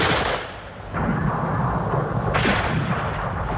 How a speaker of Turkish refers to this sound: Yere yat çabuk. Vay canına. Mermiler yağmur gibi yağıyor. Karşı tepe düşmanın yatağıymış meğer.